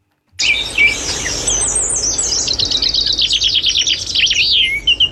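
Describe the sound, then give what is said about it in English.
Birds chirp and sing in a lively, overlapping chorus of high, rapid trills and tweets, loud, continuing without pause over a soft background hiss. “It's, I don't know the sounds of birds, but go on.”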